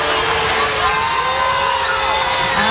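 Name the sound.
crowd booing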